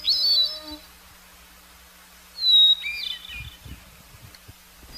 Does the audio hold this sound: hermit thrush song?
yes